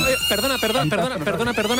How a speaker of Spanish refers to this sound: es que se acaba el concurso porque está sonando la sirena, pero no suena normal. Está sonando aquí en el colegio 3 veces y esto es un poco raro.